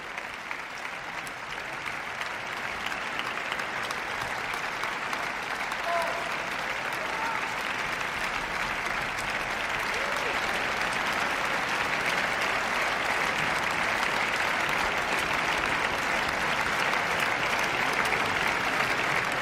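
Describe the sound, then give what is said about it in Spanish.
Sustained, dense applause from a large concert audience for the members and soloists of the orchestra, with the whole orchestra standing for a general ovation; a steady wash of many hands clapping at an even, loud level for the full stretch, with no voices standing out. “Más y más aplausos para todos los miembros de la orquesta.”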